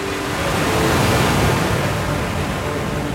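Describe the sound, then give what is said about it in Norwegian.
Steady rushing of water against the hull of a 22-foot white sailboat gliding through the Kristiania Fjord on a late-summer day, with broad wave and fresh fjord-breeze wind noise filling the scene at an even, fairly loud level. “Turen startet, og båten gled staselig gjennom vannet.”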